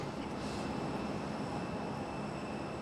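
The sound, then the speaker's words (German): A small passenger plane taxis onto the airport apron, its engines a steady, loud rumbling drone with a thin high whine running through it, continuous and unbroken, with no voices. “Sobald die Maschine steht, muss es schnell gehen.”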